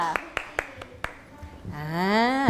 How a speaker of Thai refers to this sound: เชิญเลยค่ะปรบมือให้เพื่อนหน่อยค่ะและขอตัวแทนที่จะออกมาเต้นกับเรา5คนค่ะเชิญค่ะปรบมือให้เพื่อนเลยค่ะ